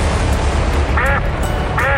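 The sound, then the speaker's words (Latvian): Two short, nasal duck quacks about a second apart, fairly close and clear, over a steady low background hum. “Ar Pinotex, kā pīlei ūdens, viņi saka.”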